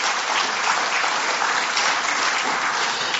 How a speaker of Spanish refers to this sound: Si crees eso, de nuevo, dale un aplauso al Señor por esa verdad.